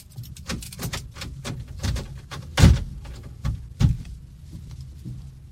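A heavy prison cell door is opened by a guard with a run of sharp metallic clicks and rattles, punctuated by two louder clanks midway through, with no one speaking.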